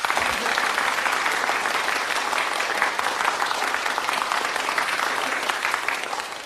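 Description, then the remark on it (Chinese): A group claps together on cue while the applause is being recorded on a tape recorder. The applause is sustained and dense, holding steady at a fairly loud level for several seconds, with many hands overlapping and no voices standing out. “哎， 预备，鼓掌！”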